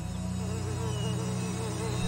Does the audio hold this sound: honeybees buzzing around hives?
yes